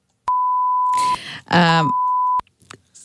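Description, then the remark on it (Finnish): A steady, high censor bleep tone sounds for about two seconds, starting alone and then continuing under a person's speech before cutting off abruptly, covering coarse language read aloud from a note left on a car windshield. “Kirjava kielenkäyttö, että opettele parkkeeraa piip.”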